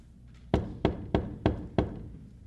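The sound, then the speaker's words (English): Five firm knocks in a quick, steady rhythm on a solid wooden gate bearing the words 'Knock, and it shall be opened unto you', fairly loud. They ring out alone over a low background hum, with no voices. “A poor burdened sinner from the city of destruction knocks.”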